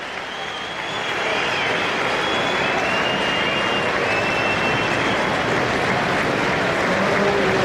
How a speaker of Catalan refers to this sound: Però és que fins i tot hi ha aplaudiments.